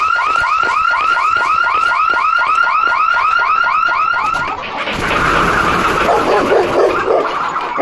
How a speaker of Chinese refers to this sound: 星沙般的晨雾笼罩着赤水河畔的天台山村。突然，刺耳的警报声划破了宁静。